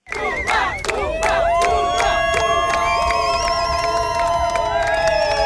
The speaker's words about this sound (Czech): Příležitostí vyvolávat jména českých hvězd měli jejich kamarádi z národního týmu víc než dost. Nebreč, směj se.